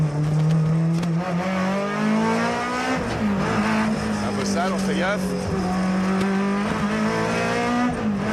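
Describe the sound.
A race car engine drones loudly and steadily, its pitch climbing, dipping at a gear change around midway, then pulling up again, with a man speaking briefly over it.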